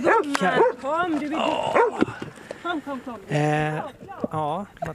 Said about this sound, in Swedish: Det är alltså så här Svea ska göra när hon hittar någon. Och markerar hon genom att skälla.